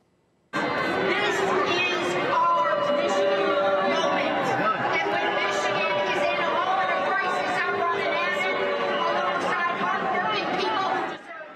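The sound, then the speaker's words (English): A large crowd at a convention in Michigan boos moderate candidate Haley Stevens for taking AIPAC money, loud and steady, a dense wash of sustained low jeering voices mixed with shouts and chatter that runs unbroken for about eleven seconds before cutting off. “All right, so that's a recent convention in Michigan where moderate candidate Haley Stevens was, as you can hear, loudly booed for taking AIPAC money.”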